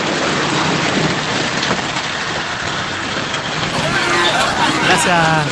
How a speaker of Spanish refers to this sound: Oh. Mira, ahí tenemos las declaraciones de la lluvia, ¿viste? El sonido de la lluvia para todos ustedes.